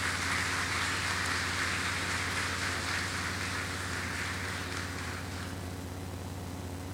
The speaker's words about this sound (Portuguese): A todos os padres, a nossa acolhida calorosa com a salva de palmas.